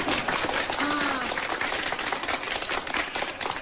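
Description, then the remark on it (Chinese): Steady, dense audience applause: many hands clapping together in a continuous crackling wash that stays fairly loud and even for the whole stretch, with a brief voice-like sound rising faintly through it. “哎呀，还真有捧场的啊。”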